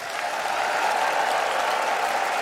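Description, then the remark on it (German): A large audience of about 900 people in a full, large broadcasting hall bursts into sustained applause for a guest, with whistles and cheering mixed into the dense, steady roar of clapping that fills the whole stretch at an even, loud level. “Ja, also Klatschen, Pfiffe, Jubel”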